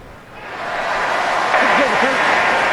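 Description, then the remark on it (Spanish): A baseball stadium crowd breaks into applause after a pitch call is confirmed by the ABS challenge system while Yamamoto pitches, the dense clapping and roar swelling within the first second and holding steady and loud, with faint wavering vocal tones rising through it. “Escuchó el aplauso ya.”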